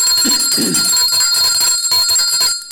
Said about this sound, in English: We must ring the bell to that.